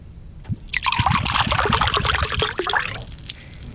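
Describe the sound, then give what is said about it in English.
A drink is poured quickly and forcefully from a can, a loud, splashy gurgling stream that runs for about two and a half seconds before tapering off, with no talking. “In terms of pours, aggressive. It felt like it needed to escape the can.”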